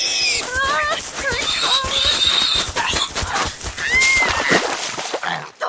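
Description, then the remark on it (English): A pig charging at a person walking home from school squeals and grunts in a rapid, frantic burst of high, wavering, loud cries, repeating without pause, with scuffling and snorting mixed in, sending the person into a mud puddle. “You horrid pig! Look at me! Mud everywhere!”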